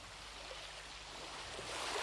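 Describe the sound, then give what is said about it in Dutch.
Steady rushing water with waves washing in at the opening of a 1981 song, a broad hiss that swells slightly louder toward the end, with no voices present. “Ze zitten nog even in het water, denk ik. Maar ze komen eraan.”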